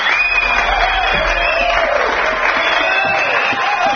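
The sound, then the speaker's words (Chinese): A steady wash of applause and cheering given to a host in a live-broadcast room fills the whole stretch, dense and fairly loud, with no pauses or isolated claps standing out. “所以在这里依然感谢我们所有的新朋友、所有的老朋友，愿意在我在直播间的时候给予我这么多的掌声和欢呼声音，谢谢大家。”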